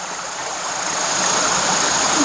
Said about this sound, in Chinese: 对啊，这洞挺深的，但是要注意安全。你看，听到下面听到哗哗的流水声音。